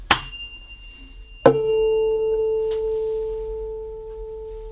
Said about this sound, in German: Man nimmt eine Stimmgabel, klopft sie gegen einen etwas härteren Gegenstand und hält sie dann an die Gitarre. Ich demonstriere das ganz kurz.